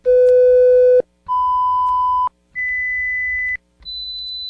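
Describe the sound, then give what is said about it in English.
Four steady pure tones play one after another, each about a second long and higher in pitch than the last, separated by brief silences, with the final tone quieter and very high. “Did you hear all four tones? Yes, there were four.”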